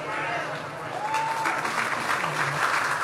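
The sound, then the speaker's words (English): A crowd, led in applause by Hegseth, applauds steadily for about three seconds, a dense, even wash of clapping with a few voices or cheers rising faintly through it. “Then Hegseth led the crowd in applause.”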